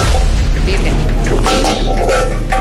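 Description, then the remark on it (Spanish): Sharp, gunshot-like pops from a motorcycle exhaust backfiring, several bangs spaced irregularly over a loud, steady engine roar. “Para que le digan a todos los muchachos que le quieren motos, que no utilicen eso de sustos para hacer esos sonidos y molaba tiros.”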